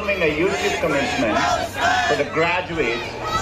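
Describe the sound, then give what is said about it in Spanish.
A crowd of students walking out in protest during Google CEO Sundar Pichai's graduation speech shouts and chants together, including in favor of Palestine, in a loud, sustained roar, overlapping voices rising and falling in waves with no single speaker standing out. “Incluso gritan a favor de Palestina.”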